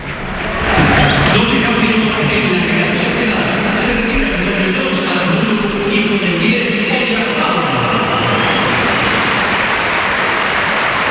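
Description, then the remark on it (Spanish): A large crowd at the Bernabéu stadium roars and applauds as Oyarzabal is substituted and takes off his captain's armband, a dense, steady wash of sound that stays loud and unbroken for about eleven seconds, with no clear voices standing out. “Y mira, se va a marchar Oyarzabal, sí, se quita el brazalete, escuchamos al Bernabéu.”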